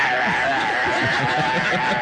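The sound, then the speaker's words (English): A caller's voice imitates the growling and chewing heard from down the kitchen sink drain when stuff is put in the sink and the water is run, like a garbage disposal's growl: a rough, gravelly, churning rumble held steadily for about two seconds, with no words spoken. “I think that's what he's eating because I can hear him down there growling and chewing.”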